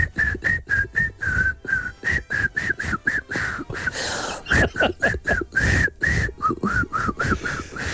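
Someone whistles a quick, bouncy tune in short, clipped notes, the melody hopping around a bright mid pitch with steady rhythmic punches and a brief breathy pause midway.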